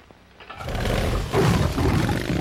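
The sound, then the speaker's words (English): A chopper motorcycle engine roars to life, building from a low rumble into a loud, sustained throaty growl with a surge of revving partway through. “Whose motorcycle is this? It's a chopper, babe.”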